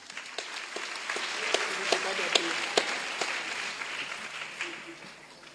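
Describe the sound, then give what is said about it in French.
A crowd breaks into steady, dense applause, many hands clapping at once with a few sharper claps standing out, faint voices beneath, fading slightly toward the end. “Il faut applaudir pour.”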